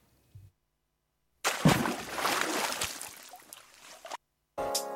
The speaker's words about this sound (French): Et là, miracle, une piscine à vagues à Saint-Chamond.